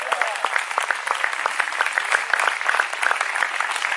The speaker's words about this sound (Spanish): ¿Cuántos alaban al Cristo de la gloria? Dele un fuerte aplauso al Señor, a su nombre.